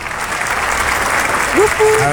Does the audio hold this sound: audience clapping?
yes